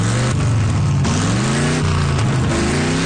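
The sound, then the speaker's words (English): A car engine revs repeatedly at a gas station, its low rumble climbing and dropping in pitch through several loud pulls of the throttle, with no voices over it. “You want me to rev her louder?”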